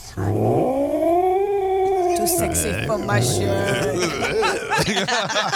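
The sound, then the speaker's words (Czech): A long, drawn-out angry cat meow rises into a loud, whining yowl, then breaks into a series of shorter, growly complaining mews, continuous for several seconds. “Já myslím, tohle, když posloucháš, mě to totiž připomíná našeho Arnio, co jsme měli Briťáka Kocoura. Když byl takový naštvaný a vždycky čekal na jídlo, jo, nebo měl nějaký problém.”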